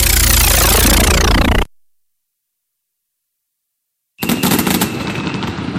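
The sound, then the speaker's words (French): Loud fireworks for the 14 July weekend go off in a dense barrage of rapid bangs and crackles, then cut to silence for a couple of seconds before another burst of sharp popping and crackling resumes. “Pour le week-end du 14 juillet, profitez d'un feu d'artifice avec votre carte fidélité Bricomarché du Tillot.”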